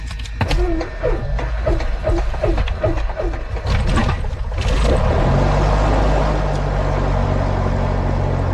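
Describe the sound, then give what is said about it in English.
A Piper Archer II aircraft's piston engine cranks with a rhythmic series of chugging pulses for a few seconds, then catches and settles into a loud, steady idling roar, at Great Barrington Airport in Great Barrington, Massachusetts, on a slightly cold day. “Okay, now we're going to start the engine.”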